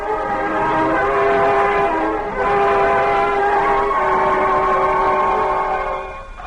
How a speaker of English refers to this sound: Oh, there goes the all clear now.